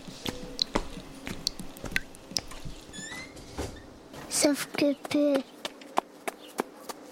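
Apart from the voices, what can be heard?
footsteps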